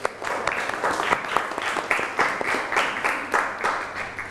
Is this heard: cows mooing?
no